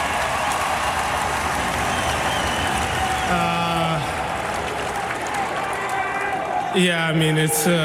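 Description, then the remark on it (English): A stadium crowd, still there past 3 a.m., cheers and applauds in a dense, steady roar throughout, with a couple of brief tonal shouts or horn-like blasts rising over the din. “So what do you have to say to this crowd that actually stayed here cheering for you?”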